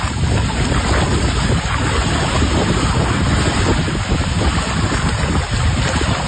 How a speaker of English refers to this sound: I have shared a post from the Lake Diefenbaker Tourism Group, along with the Water Security Agency at Lake Diefenbaker, with video of the water flowing. The Gardiner Dam spillway opening up yesterday.